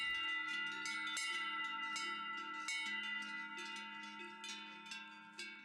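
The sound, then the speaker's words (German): Several cowbells clang continuously in a dense, overlapping jangle, their metallic tones ringing out and sustaining with irregular strikes, steady in loudness, slowly fading toward the end. “Läuten hört man sie aber meist nur auf den Almen der Vogesen.”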